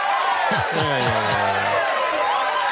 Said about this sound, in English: We don't have a button that says, aw, but oh. I'll go ahead and play the applause then.